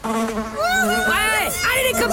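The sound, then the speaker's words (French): Flies buzz loudly in a steady drone, their whining pitch swooping up and down as they dart past, continuous throughout with no voices. “Les mouches, que pourraient dire les mouches si elles pouvaient parler?”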